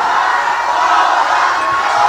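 A crowd, asked to shout louder, shouts and cheers steadily, a dense, continuous roar of many voices holding at a loud level for the whole moment without pause.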